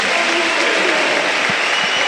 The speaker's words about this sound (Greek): Ο Μακιντάιρ φέρει το πρώτο θερμό χειροκρότημα των φίλων του Ολυμπιακού.